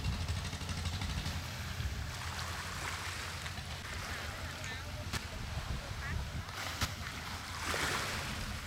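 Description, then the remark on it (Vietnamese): A low, steady engine drone of motorized fishing boats docking at a small fish landing in a seaside village rumbles throughout, mixed with lapping water and indistinct voices of people buying, selling and laughing, a busy waterside bustle with a few sharp knocks. “Bến cá nhỏ bỗng vang lên tiếng ghe máy, tiếng người mua bán và cả tiếng cười nói rộn rã của xóm biển.”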